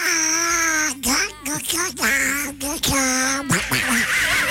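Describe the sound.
A voice does a loud, nasal duck impression, a run of raspy quacking squawks with brief breaks, continuing throughout.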